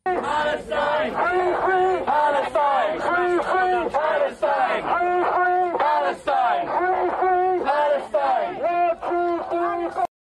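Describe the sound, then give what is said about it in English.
A large protest crowd in London, with many people wearing face coverings, chants in unison, loud and continuous, their voices rising and falling in a steady repeated rhythm with short breaks between phrases. “Well, seems to be plenty of face coverings in that crowd.”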